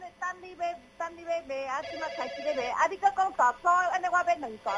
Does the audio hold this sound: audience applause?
no